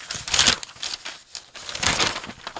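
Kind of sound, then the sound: household object, newspaper pages being turned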